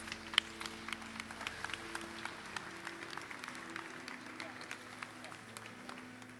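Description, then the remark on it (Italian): A crowd applauds inside a cathedral as another one enters the cathedral, a steady patter of many hands echoing through the large space for several seconds, with a low murmur of voices and sustained tones underneath. “Ed ecco qui che anche questo entra nella cattedrale e parte l'applauso.”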